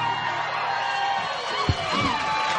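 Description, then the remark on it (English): A large crowd cheers and shouts steadily, a dense wash of voices with scattered whoops rising over it, heard from within the audience at the Galax Fiddlers Convention in 1995. “Yeah, the crowd goes wild, and that is some of the Galax Fiddlers Convention back mostly in 1995 on the stage.”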